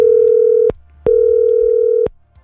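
A steady, clear telephone ringing tone on an outgoing call from the radio station Radio Metro to a listener sounds in two long beeps separated by a short gap, loud, with no voices.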